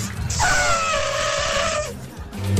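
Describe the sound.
A voice imitates an angry dolphin with one long, shrill, strained squeal lasting over a second, then breaks off into low, rough noise as if starting an elephant call.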